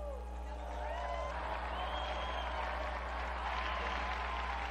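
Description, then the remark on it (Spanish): A large audience applauds Blessed Blandina Merten, a steady, dense wash of clapping that holds at an even level for several seconds, with a low hum underneath and faint scattered voices. “Unidos pues a la congregación de Santa Úrsula y a la Iglesia de Alemania, brindemos nuestro vivo aplauso a la beata Blandina Merten.”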